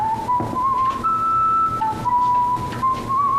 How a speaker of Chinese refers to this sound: 这大冷天的在街上吹口哨，不有病吗？但你别说啊，吹的还挺好听。